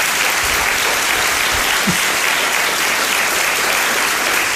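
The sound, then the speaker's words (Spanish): Sustained audience applause in Seville, Spain fills the whole stretch, a dense, steady wash of many hands clapping, loud and even from start to finish with no voices over it. “Me está mirando con ojos de fuego para que no la aplaudamos, pero un fuerte aplauso para ella.”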